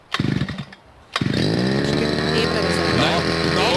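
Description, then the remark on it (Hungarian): A petrol brush cutter, pull-started at 8 in the morning, sputters in a brief attempt, falls quiet for a moment, then catches and settles into a loud, steady two-stroke idle with a buzzing drone. “Figyelj, beindítja a videót, vett arra, hogy kell beindítani a fűkaszát, megőrülsz.”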